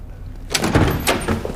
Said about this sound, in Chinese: 谁呀？ 开门。